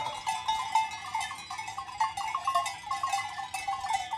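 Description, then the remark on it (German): A flock of sheep from the Gurschelhof in the Schnalztal being driven downhill to the village, many bells clanking and jingling at once, a dense, continuous metallic rattle with uneven rhythm, fairly loud and steady throughout, with no voices. “Heute sollen die Schafe hinunter ins Dorf vernackt getrieben werden.”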